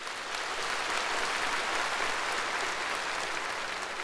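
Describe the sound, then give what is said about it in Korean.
A large audience breaks into thunderous applause after General Secretary Xi Jinping finishes a line of his report, a dense, steady roar of clapping that holds at full strength for the whole stretch without letting up. “습금평 총서기가 이 말을 끝내자 현장에서는 우려와 같은 박수 소리가 터져나왔습니다.”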